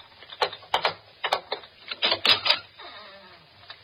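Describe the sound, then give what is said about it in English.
A series of sharp metallic clicks and clunks, irregular and fairly loud, ending in a softer scraping slide as a door bolt on the outside of a door is worked open. No voices are heard. “Here, this is the door. Look, it's bolted on the outside.”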